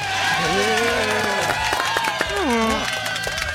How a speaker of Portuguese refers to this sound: Senhoras e senhores, uma salva de palmas para Dentinho.